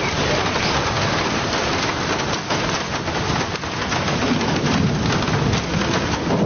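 Steady, heavy rain pours down without a break, a dense hiss of drops drumming on surfaces, with no voices.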